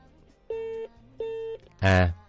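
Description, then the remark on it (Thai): A caller's phone line goes dead with two steady, evenly spaced electronic beeps, then a short louder burst of harsh tone, heard clearly on their own without any talking; the call cuts off, blamed on the caller's faulty phone or battery. “โทรศัพท์เพิ่นบ่ดีไปเปลี่ยนหน่วยใหม่เด้อบางทางก็สิเป็นแบตเตอรี่มันมักตัดเด้อ”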